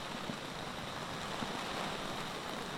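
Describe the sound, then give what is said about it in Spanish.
Rain falls steadily in an area of Cantabria, Spain, a dense, continuous hiss with no pauses and a faint low rumble beneath. No one speaks. “Veíamos además en la imagen en directo que estaba lloviendo ahora mismo en esa zona de Cantabria.”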